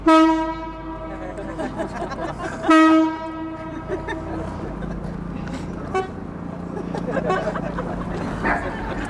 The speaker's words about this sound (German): Der Klang ihrer chinesischen Bambusorgel Shen wird übers Wasser getragen zum Publikum an der Kaimauer, während das Boot sich langsam nähert.